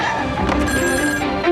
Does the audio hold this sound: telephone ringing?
yes